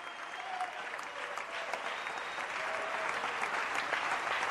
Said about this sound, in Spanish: Alguien dele un aplauso al Rey de la Gloria.